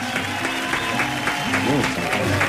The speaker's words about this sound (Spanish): Y … se encuentran aquí en el estudio de la radio Bío Bío. Un aplauso fuerte.